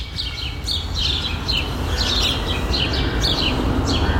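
Repeated bright bird chirps and short song phrases of urban birds ring out over a steady low rumble of city background noise, the calls coming every fraction of a second, recorded at 5:06 in the morning outside a home.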